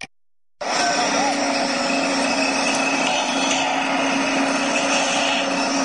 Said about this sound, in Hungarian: Építkezés hangjai. Miskolcon hamarosan megnyitja kapuit a Pressburger ház.